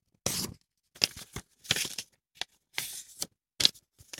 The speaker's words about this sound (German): Wie so ein Blatt Papier, was ich hier vor mir liegen habe, was ich jetzt einfach mal dreimal falte.